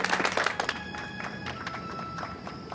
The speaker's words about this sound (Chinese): 那为咱们鼓掌。